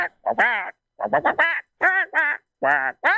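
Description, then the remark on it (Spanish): A person attempts a Donald Duck voice in a contest, making a string of raspy, nasal quacking bursts in quick clusters with short pauses between. It is loud, with no other talking. “No califica como la mejor voz de Pato Donald.”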